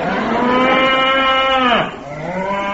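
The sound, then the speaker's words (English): A cow gives one long, loud moo lasting nearly two seconds, then its pitch drops and it trails off into a lower, softer groan, with no talking. “That's Brad bringing in our suitcases. Real cowhide. Made a bit of a noise. Well, it's still on the cow.”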